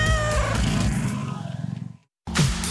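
A cat meows loudly, a drawn-out, wavering cry that trails off, followed by a brief pause and another short burst of sound.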